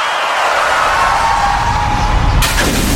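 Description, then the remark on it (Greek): Steady car road noise rumbles along, then near the end a sudden sharp crack of a windshield breaking cuts in, bright and crackling over the continuing hum. “Ωχ, πάει το μπαμπρίς.”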